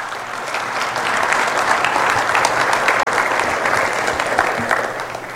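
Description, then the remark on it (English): Sustained applause from an audience, a dense crackle of many hands clapping at steady loudness throughout, with no voices over it. “Applaud or prayers?”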